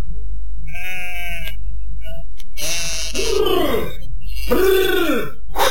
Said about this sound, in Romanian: Jecmănoiul s-a hotărât să-l întrebe pe păcală, care tocmai se întoarce cu turma de la păscut.